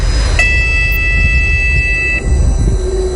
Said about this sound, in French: Nous sommes ici dans le port du Havre, le premier port commercial français en termes de trafic devant Marseille et Dunkerque.